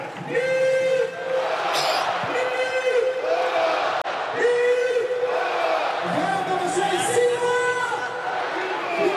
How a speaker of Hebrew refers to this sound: עכשיו אבדולאי סק ממשיך לקבל את הכבוד, את מחיאות הכפיים. אנחנו בדקה 87, 4-1 למכבי חיפה.